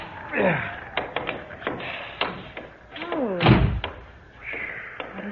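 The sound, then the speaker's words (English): A door is tried and pushed open in freezing cold: scattered knocks and rattling taps, drawn-out creaks, then one heavy low thud partway through, followed by more light clatter. “Oh, for heaven's sake, try the door.”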